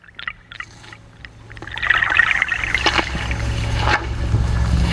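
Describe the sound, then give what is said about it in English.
Water trickles and gurgles steadily through a bog, a few brief drips at the start giving way to a continuous burbling flow over a low rumbling background. “Trickle of life running through the bog, running through the soil with a drip and a drop.”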